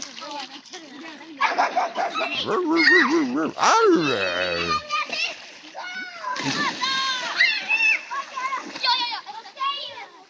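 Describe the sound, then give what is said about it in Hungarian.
A dog barks repeatedly amid sloshing, splashing water on Tilos Rádió, with a child's voice and other voices chattering throughout, busy for about ten seconds. “Itt csobog és ugat a Tilos Rádió.”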